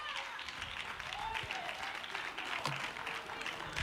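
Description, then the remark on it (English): An audience claps in praise to God, a dense, continuous wash of many hands applauding together, with faint voices and cheers mixed into the steady clapping. “Somebody clap your hand and give God a praise in this house.”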